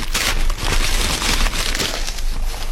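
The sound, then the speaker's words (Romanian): Paper crinkles and rustles steadily as a package holding a painting on glass is unwrapped, a dense crackling texture with brief swells and dips over a few seconds, and no one speaks. “Hai de gând să desfaci odată pachetul sau nu?”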